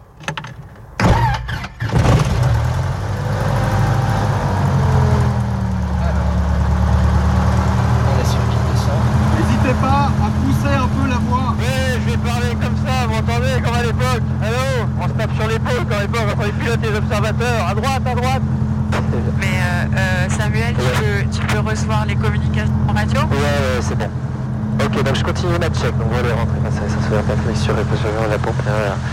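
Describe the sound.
A light aircraft's piston engine, primed with two injections, coughs to life and settles into a steady, loud, low idle that runs throughout, with a person talking over the engine noise for much of the time.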